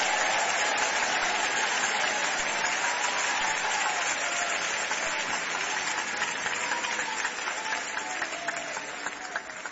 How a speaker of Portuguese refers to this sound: Podeis assentar e glorificar a Deus com palmas. Todos, todos, todos. Todos glorificando a Deus com palmas.